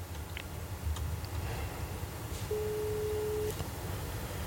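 A single telephone ringback tone while calling a woman: one steady, mid-pitched beep lasting about a second, over a low, rumbling background hum. No one speaks, and the call goes unanswered.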